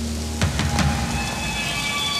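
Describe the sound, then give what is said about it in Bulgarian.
Steady rain pours down in a continuous hiss, with a few brief louder splashes near the start and a faint low hum underneath. No one speaks. “Вали.”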